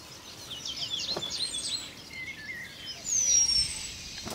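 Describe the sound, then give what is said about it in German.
A male penduline tit sings thin, high whistles and quick chirping trills, with a long drawn-out piping note near the end, over a steady soft background hiss, calling females to come and inspect his handbag-like woven nest. No one speaks. “Zwischendurch singt der Meisenmann Weibchen herbei, die das Nest inspizieren sollen.”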